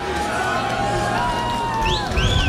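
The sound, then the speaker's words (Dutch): An audience cheers in a steady, dense roar of many voices, swelling slightly near the end as a few high rising whistle-like tones cut through. “Oh, ik hoor het publiek.”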